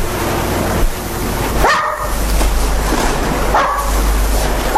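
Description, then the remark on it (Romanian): The small dog Jasper, at Manderley, lets out two short, high-pitched barks a couple of seconds apart during an afternoon visit to the park, heard over a steady rushing background noise. “prima ființă pe care mi-am apropiat-o la Manderley a fost câinele, micul Jasper.”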